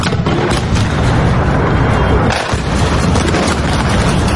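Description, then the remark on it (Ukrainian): Explosions rumble through Kyiv at night during a massive Russian attack with Shahed drones and cruise and ballistic missiles, with deep, heavy booms merging into a continuous, loud roar of low noise that barely lets up across the few seconds. “Минуло трохи більше тижня після попередньої масованої атаки росіян по Києву, як у столиці знову лунають вибухи.”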